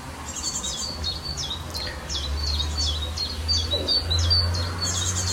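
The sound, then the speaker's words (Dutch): An icterine warbler in a garden in Estrum, Friesland, sings a continuous, rapidly varied song of high chirps, whistles and chattering phrases, over a low, steady background rumble. “Die zelfs een perfect bad-eendje in huis heeft. De spotvogel.”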